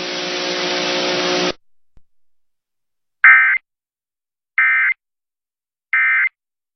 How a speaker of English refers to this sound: This is a monthly test of the emergency alert system and NOAA Weather Radio's warning alarm.